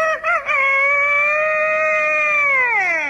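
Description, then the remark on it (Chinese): A man's voice mimics a rooster's crow while trying to imitate a dragon's call: a few short clucks, then one long, loud, sustained harmonic cry that bends downward at the end, heard alone. “你学的这是龙啊？ 这是鸡。”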